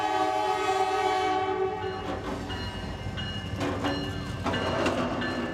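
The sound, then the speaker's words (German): A long 100-car freight train rumbles past on a line right along the waterfront in New Orleans, blocking all crossings for minutes, its horn sounding a steady harmonic blast at the start, with rolling wheel clatter and metallic screeches continuing underneath. “Direkt am Ufer verläuft eine Güterzugstrecke, auf der gerade ein 100-Wagen-Zug minutenlang alle Übergänge blockiert.”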